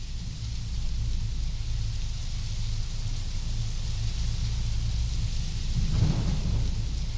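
Steady heavy rain hisses throughout while low thunder rumbles continuously underneath, swelling into a louder roll near the end. No voices.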